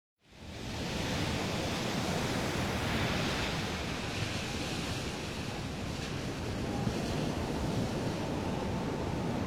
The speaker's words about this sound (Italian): Che si vede in mare dal promontorio? Nulla! I flutti si impennano alti e fra il mare e il cielo non si vede una vela.